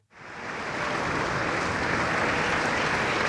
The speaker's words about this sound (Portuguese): Palmas para …, na Voz do Operário, e também ele operário de tantos poemas e canções da língua portuguesa, no último adeus um mar de outras vozes que juntas compõem o … por ….